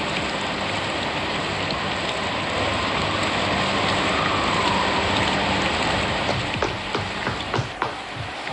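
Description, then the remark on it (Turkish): Steady rain pours down in a dense, continuous hiss, with scattered louder drips and patters breaking through near the end. No one speaks. “Emir'i paltonu al, yağmur yağıyor.”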